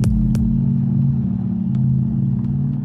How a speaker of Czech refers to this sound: V Křižíkově ulici v pražském Karlíně právě zastavil s autem